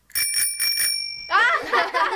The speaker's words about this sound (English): came up with the idea of using a tricycle bell.